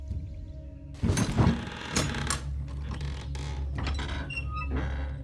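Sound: wooden door creaking open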